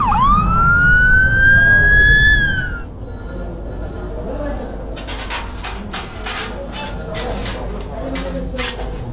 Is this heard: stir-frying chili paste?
no